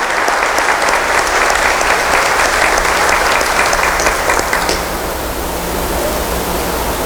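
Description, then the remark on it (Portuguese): A church audience applauds the parish team at Mass with steady, dense, loud clapping for about five seconds, then the clapping thins into a softer, fading patter. No one speaks. “Uma salva de palmas.”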